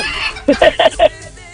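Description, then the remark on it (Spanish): A rooster's crow sounds once, a quick four-part call of short, bright bursts lasting about half a second, clear, with faint room noise before and after. “ya va por 1,000 y sigue el gallo”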